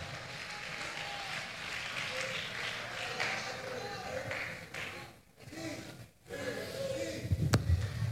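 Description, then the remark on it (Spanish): A crowd applauds a couple in a steady, dense wash of clapping that carries on for several seconds, briefly dipping twice before swelling again, with a sharp knock near the end. “Den un aplauso entonces a esta pareja.”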